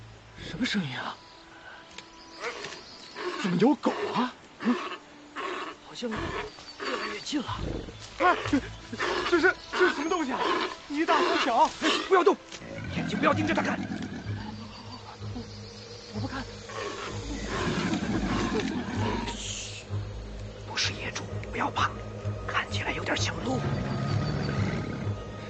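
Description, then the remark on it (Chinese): Repeated harsh calls of two wild animals, one large and one small, that look somewhat like deer and are not wild boar, sound in the first half, then give way to a low rumbling outdoor background with faint voices talking. “嘘，不是野猪，不要怕，看起来有点像鹿。”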